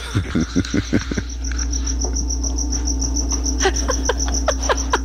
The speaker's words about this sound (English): You got like a cricket in my house now?